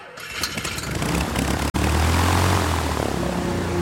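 Propeller engines of a waiting DC-6 airliner drone steadily as UN Secretary-General Dag Hammarskjöld boards it in Leopoldville, Congo, in September 1961, a dense, rumbling roar that rises slightly in intensity, with a brief break partway through before the steady engine noise resumes.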